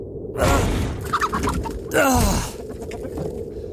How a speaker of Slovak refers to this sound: Pozri, kohútik.